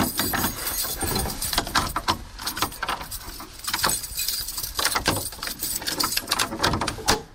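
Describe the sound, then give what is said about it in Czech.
Keys jangle and an old lock clanks in a run of sharp metallic clicks and knocks, followed by the heavy thud of a castle door slamming shut at Krakovec castle, near Rakovník. No one speaks. “Tenhle zámek a tohle bouchnutí dveří je už z Krakovce, nedaleko Rakovníka.”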